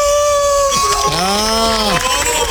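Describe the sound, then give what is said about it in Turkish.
A man's voice imitates a wolf howl, a long sustained wail that swoops up and arcs back down over about two seconds, loud against a steady background hum. “Bakın kurt gibi bağır”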